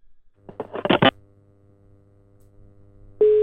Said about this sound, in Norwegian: Nå ringer vi, nå skal vi høre om han tar telefonen.